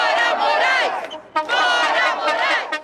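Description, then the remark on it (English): A large crowd at a rally chants loudly in unison "Get out, Morais," voices rising and falling in a rhythmic shout, with a brief dip in the middle before the chant surges back at full volume. “At the rally, they chant, "Get out, Morais."”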